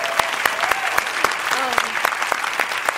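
A crowd applauds steadily during an acceptance speech thanking the Academy, dense overlapping claps with sharp individual hand smacks, joined by scattered cheers and whoops rising above the clapping.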